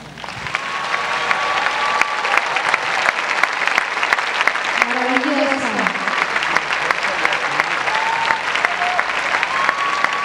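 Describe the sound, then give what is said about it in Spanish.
A large audience applauds steadily for about ten seconds, a dense, loud wash of clapping, with a few cheers and whistle-like shouts rising above it, an ovation welcoming soprano María Katsarava. “Deseo que todos brindemos una ovación a María Katsarava.”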